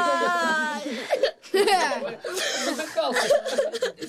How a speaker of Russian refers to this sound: Бедный, он так плачет, что кажется, сейчас умрет от конвульсий.